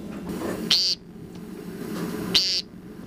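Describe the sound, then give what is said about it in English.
Two short, nasal, buzzy peent calls of an American woodcock, a spring evening call, evenly spaced about a second and a half apart, over a low steady outdoor hum with no talking. “The American woodcock.”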